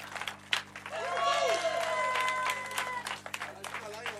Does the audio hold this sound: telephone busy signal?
no